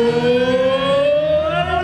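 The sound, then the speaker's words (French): A loud, sustained siren horn from a sports venue, one continuous rich harmonic tone whose pitch climbs slowly, with no voices over it. “Une fois que la sonneuse se met en route et que le speaker intervient, c'est comme si j'avais le speaker à côté de moi.”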